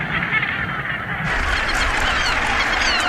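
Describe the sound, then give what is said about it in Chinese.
A northern gannet colony of over 150,000 nesting gannets, the world's largest, on a small volcanic rock about 2000 metres off Scotland's east coast, fills the air with a dense, continuous, loud chorus of harsh overlapping calls, with no pauses and no one talking. “在这个大海中的小据点，有超过150,000唐鹅筑巢，构成世界上最庞大的唐鹅群落。”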